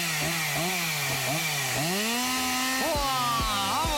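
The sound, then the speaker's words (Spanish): A chainsaw engine runs loud for several seconds, cutting firewood in cold weather, its pitch repeatedly rising and dipping in quick revs and then bogging down as it bites into wood. “nos quedamos con la motosierra de fondo”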